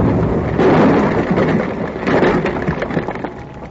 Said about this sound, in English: Not only is that the end of the plane, with that much dynamite blown up and wasted, that may mean the end of everything in this valley.